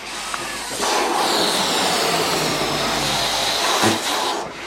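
Blown-up balloons, blue, bright yellow and red, are let go on command and whiz and sputter through the air, a steady airy rushing hiss with a thin high whistle running through it for several seconds before cutting off abruptly.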